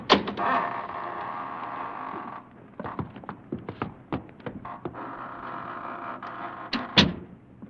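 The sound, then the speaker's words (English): A heavy door creaks and scrapes open, with a drawn-out groaning rasp, scattered knocks and rattles, and a sharp clunk near the end. “Here we are, gentlemen, at death's private door. Shall we enter?”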